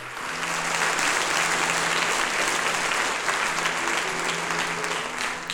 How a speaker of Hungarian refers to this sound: Ez a taps természetesen nem csak a tisztelet, hanem a szeretetnek is a jele. Gondolom.